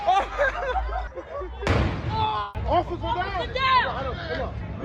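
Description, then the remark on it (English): A single sharp illegal firework blast bursts out amid a crowd's loud, overlapping chatter near Brady Street in Milwaukee, exploding near a police officer and knocking her to the ground, ringing briefly before the babble of voices carries on. “It happened early Sunday as video on social media shows the officer knocked to the ground after a firework exploded near her, appearing to cause facial injuries.”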